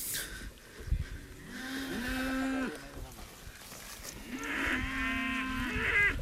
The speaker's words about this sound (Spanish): Y el ganadero está con el saco dándole de comer ahora mismo, justamente, casi con la mano. Tenemos la vaca justamente al lado. Estamos justo al lado de la vaca. Está comiendo.